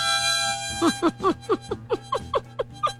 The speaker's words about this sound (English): blowing in a harmonica instead of laughing.